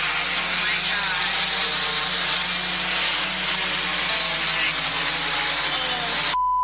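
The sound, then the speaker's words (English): A delivery drone hovers over a backyard swimming pool at a home in Richmond, Texas, with a steady, loud, high-pitched buzzing whine and low rotor hum that holds for about six seconds before cutting off abruptly. Its door opens and the package drops into the pool. “That's as the drone door opened and her delivery splashed into the pool.”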